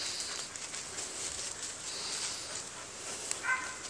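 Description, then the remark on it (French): Faint, far-off barking from hunting dogs somewhere above, scattered and irregular, barely rising above a steady outdoor hiss, with one slightly clearer yelp near the end. “Écoute, les chiens sont au-dessus, de toute façon.”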